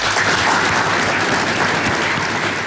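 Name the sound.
warm applause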